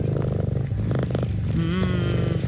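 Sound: cat purring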